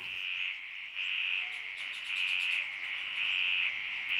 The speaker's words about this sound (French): Donc là, nous entendons des sons de grenouilles autour d'une mare à Coily Alpha le lendemain d'une pluie. Donc il est à peu près 8h du matin.